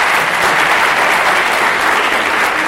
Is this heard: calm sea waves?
no